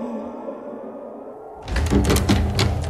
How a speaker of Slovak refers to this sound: Prečo búchaš, človeče potulný? Hlúpa otázka. Búcham, lebo chcem do mesta.